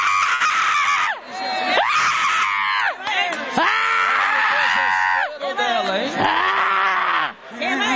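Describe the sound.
A church audience screaming and shouting together in loud, sustained waves, calling on Jesus to burn a demon, voices overlapping, with only brief dips between bursts.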